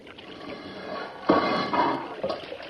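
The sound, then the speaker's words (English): Water rushes and pours steadily into a flooded chamber, a broad churning wash that surges louder partway through and keeps going with no voices. “Listen. Water stop coming in.”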